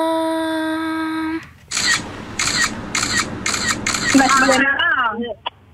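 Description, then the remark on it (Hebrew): A steady electronic tone gives way to a quick, evenly spaced run of about six loud camera shutter clicks of a screenshot, followed by brief chirpy, warbling sounds and a final short click. “זה כאילו היה צילום מסך, סקרין שוט, אבל בסדר, אנחנו ניתן לכם את זה.”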